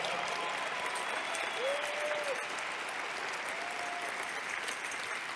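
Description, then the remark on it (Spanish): A church audience applauds the Lord steadily, a dense and continuous wash of clapping with a few brief tonal whistles or sustained notes rising above it. “Ah, yo creo que tú le puedes dar un mejor aplauso al Señor.”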